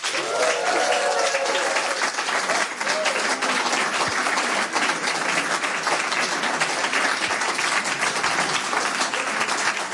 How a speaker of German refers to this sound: Bitte begrüßen Sie mit einem frenetischen, tosenden Applaus.